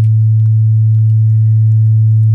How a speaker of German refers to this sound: Das ist ein 100-Hertz-Rauschen. Wenn ihr das zum Beispiel auf dem Handy anmacht und ans Ohr haltet, kann das gegen Reiseübelkeit im Auto helfen tatsächlich. Denn durch die Vibration wird das Gleichgewichtsorgan im Innenohr stimuliert.